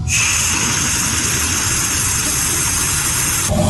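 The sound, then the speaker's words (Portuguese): Steady, loud rushing hiss of air escaping from a home's water tap opened during a water shortage, with a whistling tone above a low rumble, holding constant for about three and a half seconds before cutting off abruptly. “Quando tem falta de água e ele abre a torneira, o som que ele ouve é esse aqui, vamos acompanhar.”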